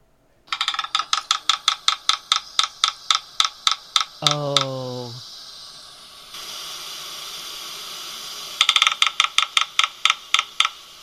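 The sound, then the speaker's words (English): Red-breasted sapsucker drumming: a loose series of sharp, woody taps that spread out unevenly. A person briefly exclaims partway through, and after a short pause the tapping starts up again. “We definitely want to listen to the red-breasted drumming, sapsucker.”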